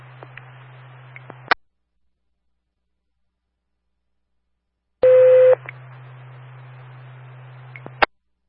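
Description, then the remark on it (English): Fire dispatch radio testing paging tones for the Ashley, Carolina, and Hope Valley Fire Department: radio static with a low hum keys up and cuts off with a click, then after a silence a brief, steady electronic tone sounds over the crackling channel before it clicks off. “Dispatch on the air, testing tones for the Ashley, Carolina, and Hope Valley Fire Department.”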